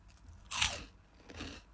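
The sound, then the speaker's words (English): Two crisp crunches of someone biting into cheese chips: a loud, sharp first bite followed a moment later by a softer second crunch, with no talking. “Listen to that. Look, crunch.”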